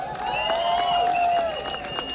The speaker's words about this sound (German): Aber an der Stelle vielleicht mal einen riesen Applaus für die Leute, die das hier organisieren. Die Leute an der Technik, am Licht, am Ton, dass so etwas möglich ist. Woo!